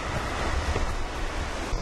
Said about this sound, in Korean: 즐기는 구간은 긴 세월에 걸쳐 백두대간의 험준한 산악지대를 깎아내며 물길을 낸 거대한 협곡지대. 가파른 물길을 타고 내려온 강물은 바위에 부딪힐 때마다 거친 급류로 변합니다.